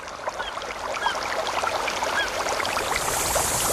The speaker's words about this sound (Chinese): 森林，草原，大海。